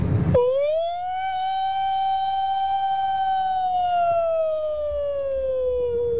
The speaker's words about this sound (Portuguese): Agora ele variou. Vai mandar uma sirene de ambulância.